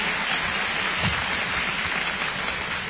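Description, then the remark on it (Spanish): A crowd applauds steadily, a dense wash of many hands clapping at once that holds at an even, fairly loud level for a few seconds with no voices over it. “Y si va a aplaudir, aplauda bien.”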